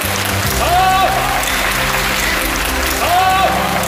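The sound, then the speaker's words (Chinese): Steady, dense applause from a theater audience at a Peking opera performance of The Legend of the White Snake fills the whole stretch, loud, with brief voiced glides rising above the clapping twice. “这次演白蛇传真的可以说是下江南了，所以非常感谢大家鼓掌。”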